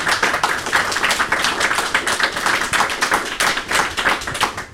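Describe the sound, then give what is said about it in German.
An audience applauds steadily, many hands clapping in a dense, continuous patter of bright, crisp claps at fairly even loudness throughout, with no voices. “Und vielleicht gibt es einen kleinen Applaus von unserem Publikum auch.”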